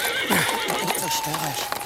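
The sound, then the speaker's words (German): A horse neighs, a loud wavering whinny lasting under two seconds, with faint hoof clops beneath it. “Kümmer dich um das Pferd”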